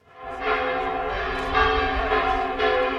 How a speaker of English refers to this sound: The cathedral bells of the picturesque medieval city of Burgos call the faithful to prayer. It's done so for centuries, but now it's a magnet for pilgrims of a different sort.